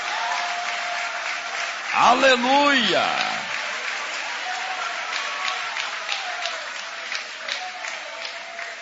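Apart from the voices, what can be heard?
audience clapping hands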